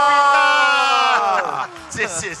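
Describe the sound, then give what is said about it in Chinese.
An audience screams and cheers loudly, opening with a long sustained high-pitched shriek that tapers off into a looser burst of excited whoops and shouts, as the white team is announced with 608 votes at a singing contest. “啊，当然嘛是我们的这个白队608票， 尖叫， 尖叫吧！”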